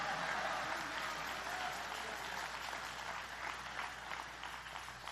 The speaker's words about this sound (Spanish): Vamos, dele palmas a Él en esta hora y dele alabanzas. Alguien le da gloria.